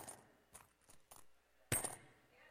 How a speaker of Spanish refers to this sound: Ahí están echando monedas, hermano, aleluya. Ahí están echando monedas, sí, mire, gloria a Dios.